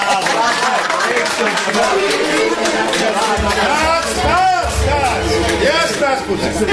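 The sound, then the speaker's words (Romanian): A small group of actors on a stage in an empty theatre claps steadily and loudly for one another, the applause mixed with lively overlapping chatter and voices throughout. “Nu mai aplaudați între voi, că n-aveți de ce.”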